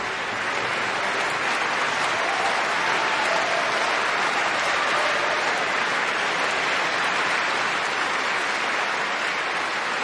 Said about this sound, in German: Großen Applaus für die Musikerinnen und Musiker heute zu Saarbrücken.